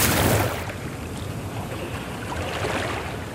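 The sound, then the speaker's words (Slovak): A boat moves through fast-flowing water nearly halfway across a wide, swift river, where the current is strongest, with a steady, loud rush of churning current and wind-like hiss. A stronger surge at the start then settles into constant noise, with no voices. “Už sme takmer v polovici rieky. Tu je prúd najprudší.”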